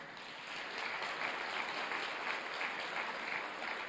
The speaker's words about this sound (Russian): Выходите, пожалуйста, сюда, чтобы видели всех, кто трудился все это время. Я сегодня хотел бы, чтобы вы адресовали свои очень пламенные аплодисменты этим людям, пожалуйста.